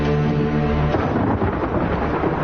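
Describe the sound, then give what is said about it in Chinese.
A loud, sustained rumble of thunder rolls steadily, deep and continuous, then breaks into a rougher, crackling texture like the first wash of rain. No voices are heard. “要下雨了，今天应该没什么事了”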